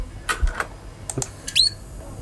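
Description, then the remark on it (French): A recording of simple bird calls: a few short, sharp chirps in quick succession, ending with a brighter, high-pitched whistled note, all at moderate volume with no talking. “Ça, vous avez des cris simples.”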